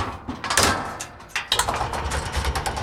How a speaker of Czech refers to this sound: mě teď veze osobonákladním výtahem do výšky přes 20 metrů přímo do krovu kostela svatého Víta, kde dělníci provádí opravy.